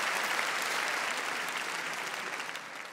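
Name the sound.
audience applause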